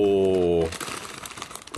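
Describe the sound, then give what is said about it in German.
A short drawn-out vocal sound gives way to about a second of crisp, irregular crinkling as a wrapped snack gift is pulled open, a dense run of small crackles at moderate loudness. “es knistert ein bisschen, entschuldigt.”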